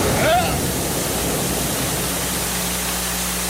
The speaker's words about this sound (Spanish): ¡Ah! ¡Ahí viene el agua!